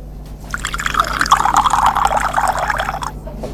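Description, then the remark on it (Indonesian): Drinking water pours steadily into a glass for a few seconds, a bright gurgling stream with bubbly, rising splashes that starts abruptly and tapers off at the end, with no voices. “Ya minum air lah, Beb. Nih, aku ambilin.”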